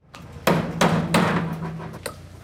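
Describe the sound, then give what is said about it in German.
Metal hammer blows ring out on a construction site in Heimberg near Thun, several sharp strikes in an uneven rhythm with resonant ringing between them, fairly loud against a busy background. “Inlandredaktorin Liva Mittendorf hat eine Baustelle in Heimberg bei Thun besucht.”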